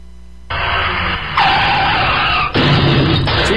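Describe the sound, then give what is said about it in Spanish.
A car skids loudly with harsh, sustained screeching noise, then abrupt surges of crunching impact as it slams into another car, filling the short clip. “Ya le pegaron al carro, ya. Se estamparon allá, bebé.”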